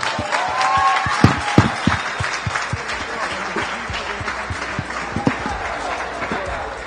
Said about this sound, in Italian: Allora facciamo un caloroso applauso e invitiamo sul palco Gianfranco Librandi.